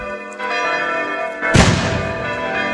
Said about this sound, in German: Und mit Böllerschüssen werden wir dahin begleitet. Und natürlich mit dem Klang der Glocken der Pfarrkirche.